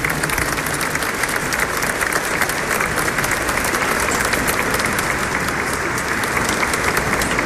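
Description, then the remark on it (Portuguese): Sustained audience applause given in thanks to Dom Eduardo Malaspina, a dense, steady wash of many hands clapping at even loudness for several seconds, with no one speaking over it. “Mais uma salva de palmas a Dom Eduardo, agradecendo.”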